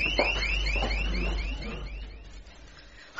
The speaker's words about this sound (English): Panic alarm, somebody,